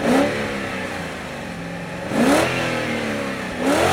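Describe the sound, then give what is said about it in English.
A 365-horsepower car engine revs up sharply three times, each burst rising in pitch then settling back to a steady idle, loud with no voices. “What a cool car”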